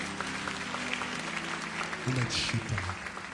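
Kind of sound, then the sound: crowd, audience applauding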